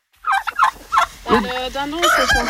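Chickens calling: a quick run of clucks followed by a longer, warbling crow-like call, loud and busy, with no talking.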